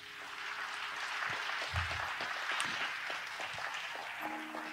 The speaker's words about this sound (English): If you believe that, give Lord a clap of praise.